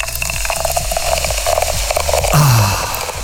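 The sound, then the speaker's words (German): A drink bottle being opened after work, before pouring: a quick series of rattling, ratchet-like clicks, then a brief falling tonal squeak near the end. Moderately loud, with no voices. “Das Getränk mal auftun. Herhocken, die Scheiche aufhaben und dann mal einschenken.”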